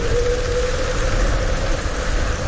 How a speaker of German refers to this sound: Richtig viel Regen.